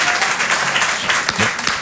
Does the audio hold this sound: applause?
yes